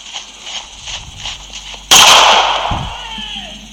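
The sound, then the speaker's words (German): A single loud gunshot cracks out suddenly as a woman shoots a man, its sharp report ringing and fading into a long echoing tail, with a dull thud following shortly after and faint background noise before it. “Ein Schuss, oh Gott.”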